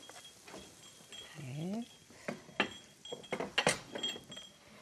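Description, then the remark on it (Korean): Oil sizzles softly in a frying pan over medium heat as spoonfuls of a corn and yellow bell pepper mixture fry, a steady crackling hiss under sharp clinks and scrapes of a utensil against the pan, with a brief voice sound partway through. “이제 기름이 좀 지글지글 소리도 좀 나지요?”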